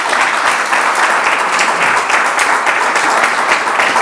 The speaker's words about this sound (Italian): facciamo un applauso.